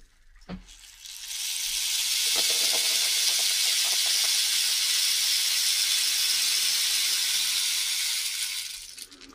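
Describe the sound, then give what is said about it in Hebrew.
A rain stick pours out a steady, hissy cascade of tiny pattering beads for about eight seconds, swelling in and tapering off at the end, preceded by a single soft knock. “ופה גם מקל גשם.”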